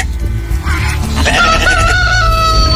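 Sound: rooster crowing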